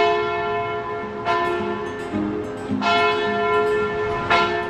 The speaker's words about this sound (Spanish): Campanas de iglesia, ¿dónde estamos? Pues estamos en Yebes, Guadalajara.